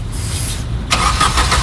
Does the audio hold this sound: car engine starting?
yes